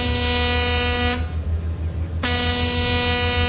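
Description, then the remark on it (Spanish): A big ship's horn blows two long, loud, brassy blasts as the ship passes, separated by a brief pause, with a steady low rumble continuing underneath throughout. “Nomás se escuchaba cuando pasaba así el barcote.”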